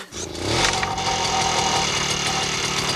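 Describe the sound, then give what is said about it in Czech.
A small petrol lawn mower engine catches with a sputter and settles into a steady, loud, rattling run, its throbbing rhythm continuing without pause and no voices over it. “Já jedu a řídím strojek, který seče trávu.”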